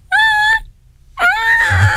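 A cat named Seamus cries out twice somewhere in the distance: first a steady, high-pitched wail lasting about half a second, then after a short pause a longer, rising cry that holds its pitch. No one talks.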